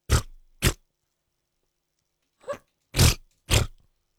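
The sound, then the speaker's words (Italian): Someone blows wet, sputtering mouth raspberries imitating an armpit fart: two quick bursts, a short pause, then three more, loud with no talking. “Mi fai una scurreggia con l'ascella, per favore?”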